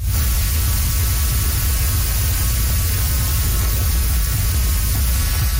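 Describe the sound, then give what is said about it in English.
A dense, steady whoosh of millions of fluttering monarch butterflies in Mexico's Monarch Butterfly Biosphere Reserve, a continuous hum and buzz that sounds like a rushing waterfall, full, with no talking. “It is actually the hum and the buzz of millions of monarch butterflies in Mexico's Monarch Butterfly Biosphere Reserve.”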